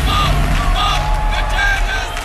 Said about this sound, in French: La Grèce et la Finlande qui filent vers le show de samedi sans surprise, aux côtés d'Israël aussi, dont la prestation a été légèrement perturbée. Bruit de sifflet et slogan « Arrêtez le génocide en soutien à la Palestine », tendez l'oreille.